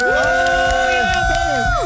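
crowd, crowd cheering

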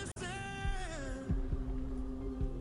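human body sound, heartbeat

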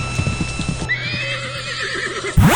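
animal, horse neighing

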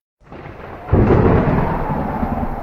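nature, thunder rumbling

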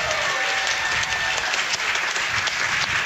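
crowd, audience applause

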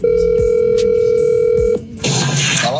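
signal or alarm, telephone ringing tone

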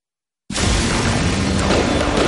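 sound effect, fireworks explosion boom

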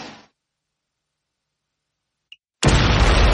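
sound effect, fireworks exploding

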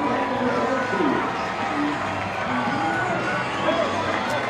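crowd, stadium crowd cheering

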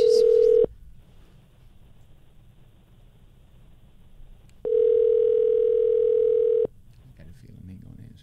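machine, telephone being dialed

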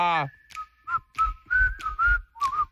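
human body sound, human whistling

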